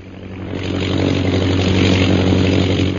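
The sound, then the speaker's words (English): A British propeller plane drones directly overhead, a steady throbbing engine hum that swells slightly louder and then holds, with no one speaking. “The British plane. They are directly overhead, Master.”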